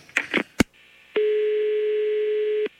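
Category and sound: signal or alarm, telephone dial tone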